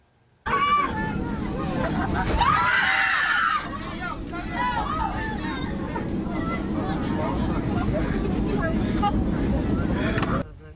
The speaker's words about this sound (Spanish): Y los gritos dentro de la cabina de un avión reflejaron el miedo que vivieron decenas de pasajeros.